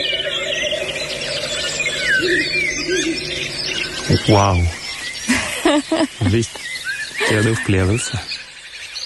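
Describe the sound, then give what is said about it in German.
A Ural owl gives a series of shrill, squealing calls, caught on reporters' microphone, over a steady outdoor background, while the reporters speak briefly and one exclaims in amazement. “Da hört man einen Habichtskauz und die Reporter und Reporterinnen sind ja ganz entzückt, ne?”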